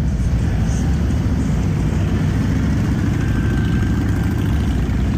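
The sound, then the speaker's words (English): A steady, loud low rumble of many motorcycle engines running together as a group rides past on a Memorial Day motorcycle ride along Broadway in downtown Alexandria, Minnesota, a continuous dense drone without any voices. “the Freedom First Riders chapter of Abate of Minnesota held a special Memorial Day motorcycle ride yesterday in downtown Alexandria. This is what it sounded like.”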